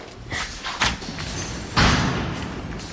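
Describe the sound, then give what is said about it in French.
A door opens with a short clatter, then closes with a louder, solid thud, with faint background noise. “Alors, on a descendu pas mal d'escaliers. On a ouvert des portes.”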